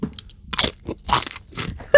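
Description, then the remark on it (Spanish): Crisp crunching of a potato chip being bitten and chewed, a few sharp crackly bursts spaced irregularly over two seconds with no talking. “Pues otra que no hemos escuchado, el crunchy.”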